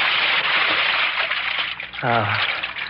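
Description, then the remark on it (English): A person slips into a pool from the ladder, with a steady wash of splashing and trickling, and a short voiced sound rises briefly near the end. “I'll slip in at the ladder here.”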